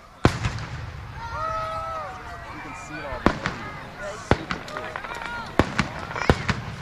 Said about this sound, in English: A fireworks show Friday night capped off day one of Stars and Stripes Days in Pequot Lakes. Trailside Park sits in the middle of the Crow Wing County city.